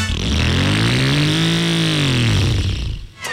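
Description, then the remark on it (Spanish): A motorcycle engine revs up and winds back down in one loud sweep, its pitch climbing then falling over a few seconds before cutting off. “Pero creo que con esa moto no.”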